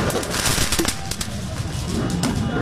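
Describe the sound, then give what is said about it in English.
Fireworks crackle and pop in rapid, irregular bursts over a dense, constant roar of outdoor crowd noise, loud throughout, at a street celebration by the Eiffel Tower in Paris, France, after Paris Saint-Germain's Champions League final win over Arsenal. “Police fired tear gas to control the crowd amid clashes and the fireworks celebration at the Eiffel Tower.”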